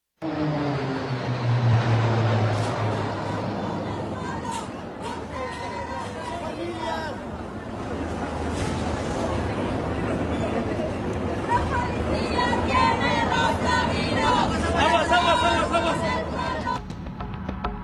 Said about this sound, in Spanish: los gritos de gol y los aviones de la Fuerza Aérea Mexicana daban un espectáculo con los colores de la bandera